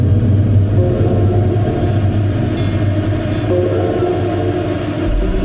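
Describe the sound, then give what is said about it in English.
A train rolls past with a loud, steady low rumble and faint metallic rattling, sustained throughout without any voices. “Ghost passengers in passing trains.”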